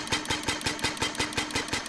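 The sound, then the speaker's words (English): The four-stroke gasoline combustion engine at the back of a replica 1886 Benz Patent Motor Car chugs steadily, its loud, rhythmic put-put beats coming several times a second with a rattling mechanical clatter, and no one speaking. “At the back, you'll see a combustion engine or gas engine, as it was called back then, which burns gasoline.”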